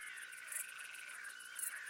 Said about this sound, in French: Une courtilière.